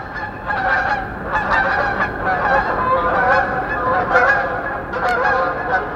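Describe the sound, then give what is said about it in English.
A large flock of snow geese honks continuously while flying over at about 5,000 feet in spring, picked up by an outdoor microphone. Many overlapping calls form a dense, steady chorus, with no talking throughout. “So in the springtime, I'll be doing the dishes, and I'll hear a flock of snow geese go over at 5,000 feet, because I've got a microphone out there bringing those voices in.”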